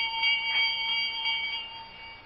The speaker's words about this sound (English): I'm trying to see where that bell came from. What bell?